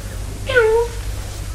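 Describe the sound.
A person voices a single short cat meow, a nasal, falling 'meow' lasting about half a second, clear over a low steady hum.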